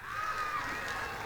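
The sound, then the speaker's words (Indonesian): An audience at the Festival Seni Bali Jani in Bali applauds in a steady, dense wash of sound, with cheering voices mixed into the clapping. It stays loud and continuous throughout, with no individual claps standing out. “Tepuk tangan untuk Bali.”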